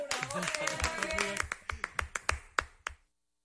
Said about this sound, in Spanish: ¡Bravo, aplauso para producciones!